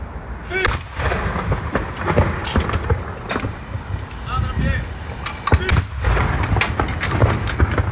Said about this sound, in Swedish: Ja, vilken jädra smäll. Ja, och det här pågick ju ganska länge. Det var rätt många som hörde det här igår också. Det här var i Göteborg. Mm. Det var hemvärnets salutstyrka i Göteborg.